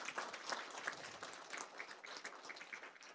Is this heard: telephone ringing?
no